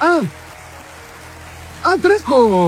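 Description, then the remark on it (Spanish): A short patter of light clapping, fairly soft and steady, with voices speaking briefly at the start and again at the end. “Aplausos, aplausos.”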